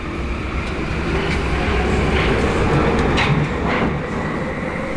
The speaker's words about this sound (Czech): Stanice Staroměstská pražského metra.